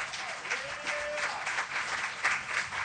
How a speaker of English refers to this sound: I think they deserve a nice round of applause for sponsoring tonight's program.